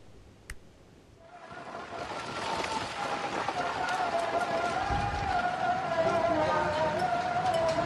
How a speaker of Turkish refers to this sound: Şiddetli rüzgar önüne ne geldiyse yıktı geçti. Eczanenin camları böyle kırıldı. Sağanak ve şiddetli rüzgar pazartesi günü Malatya kent merkezinde etkili oldu.